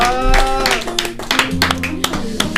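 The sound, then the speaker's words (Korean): An audience claps in scattered, uneven bursts over a sustained tonal voice or music, the sharp claps punctuating the steady sound for a couple of seconds, at an event of the LH 행복금터 현동지역아동센터 children's center. “박수 한번 주시기 바랍니다.”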